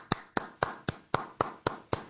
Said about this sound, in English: So here's me clapping. Listen.